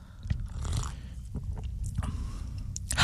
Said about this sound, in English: Do I try it now? Yeah, have a little sip.